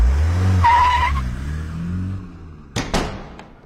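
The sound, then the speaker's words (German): A police car rumbles up with a short, high tire squeal as it skids to a stop, followed by a couple of sharp thumps like doors shutting. “wir bräuchten dann einen Wagen, bitte.”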